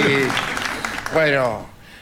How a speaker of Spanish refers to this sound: Y cuando mencionemos la Luna van a aplaudir todos. ¡Estamos en la Luna! Por primera vez, La Venganza Será Terrible, transmitiendo desde aquí.